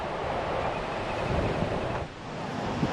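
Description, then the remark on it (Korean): A steady, dense roar of Gullfoss waterfall in Iceland's Golden Circle, fed by the Langjökull glacier, fills the scene. It is broad and continuous with no breaks, heard from some distance before reaching the falls, with a faint wind-like hiss over it. “지금 아직 폭포에 다가가지 않았는데도 대지를 적시는 이 폭포의 갱음이 막 들려요.”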